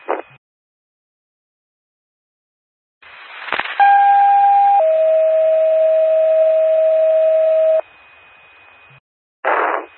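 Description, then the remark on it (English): A two-tone paging alert from a test of the Macoupin County 911 paging system: a click, then a steady higher tone for about a second, stepping down to a longer, lower steady tone. Both are loud and electronic over faint radio hiss, with no talking. “Dorchester Fire Department, this is a test of the Macoupin County 911 paging system.”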